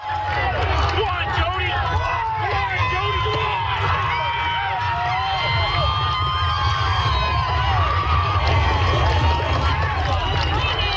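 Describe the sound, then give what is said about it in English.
A large crowd roars and shouts continuously at PEI's Gold Cup and Saucer horse race, held at night, with many overlapping voices forming a loud, steady wall of cheering and excited calls that never lets up. “And finally, an energetic crowd came out for PEI's iconic Gold Cup and Saucer race that took place last night at 11:58 p.m.”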